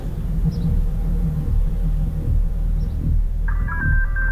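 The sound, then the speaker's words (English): A telephone starts ringing near the end, a bright electronic warble rising over a steady low rumble, heard once and clearly, with no one speaking. “Come on now, get the phone, man.”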